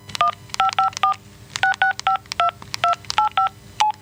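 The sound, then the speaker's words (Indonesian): A quick series of electronic phone keypad beeps as a number is dialed to call a friend's son who is a train driver, about a dozen short two-tone presses in irregular bursts, clear with no talking. “Sese, tak telepon ke anake koncoku wae yo, sing sopir kereta.”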